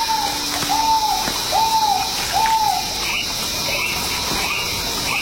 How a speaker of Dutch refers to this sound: Dus ja, dit is waarschijnlijk een ralachtige die we nu horen.